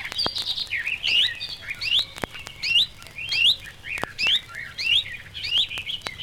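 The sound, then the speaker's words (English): A reed warbler sings a fast, busy song that includes a perfect imitation of a chiffchaff call. Bright rising chirps repeat in quick phrases, clear, with faint clicks and no voices. “Its song is similar too, and in some cases, even its mimicry. Like the sedge warbler, it gives a perfect imitation of a chiff-chaff call.”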